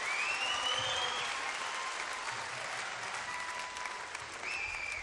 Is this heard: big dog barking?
no